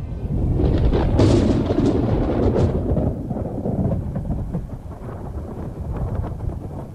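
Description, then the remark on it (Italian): A violent thunderstorm with lightning at the opening of a film about the young Martin Luther, who stumbles in the mud: a sharp, loud thunder crack near the start rolls into deep, continuous rumbling, with wind and rain noise underneath and no voices. “Il film inizia quando, fra lampi e fulmini, il giovane Martin Lutero inciampa nel fango, rappresentazione questa esplicita dell'imperfezione della vita terrena.”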